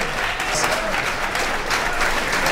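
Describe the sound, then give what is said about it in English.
An audience applauding steadily for a performer, a dense wash of many hands clapping at even loudness throughout, with no talk breaking through. “Let's give another nice round of applause to the great …”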